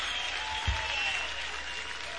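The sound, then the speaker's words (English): A crowd applauds in a steady, dense wash of clapping that holds at an even level throughout, with one low thump near the start and no voices. “and the crowd applauds.”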